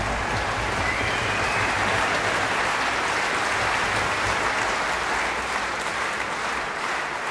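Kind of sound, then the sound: crowd, enthusiastic concert applause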